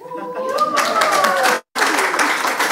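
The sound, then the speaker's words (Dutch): A live audience at the Design Museum Gent breaks into steady applause, dense overlapping claps, with a brief cut before the clapping resumes. A voice or cheer rises early on above the clapping. “Dan geloven ze ons tenminste dat we hier zitten met een live publiek.”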